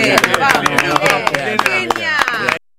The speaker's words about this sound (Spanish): Me aplauden.